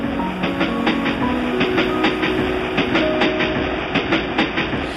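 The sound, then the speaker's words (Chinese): A train rolls steadily past at the start of a song, its wheels clacking over rail joints in a regular rhythm above a continuous rumble, with faint sustained musical tones underneath and no voices. “听到这个火车声喂，很多人应该知道这首歌是谁了。”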